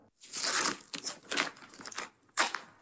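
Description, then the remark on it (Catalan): Extra-strong duct tape rips off a roll in a long harsh screech, followed by several shorter, sharp tearing bursts with brief pauses between them, as it is used to seal a crack. No one speaks. “Tinc un rotllo de cinta americana extra fort a la motxilla.”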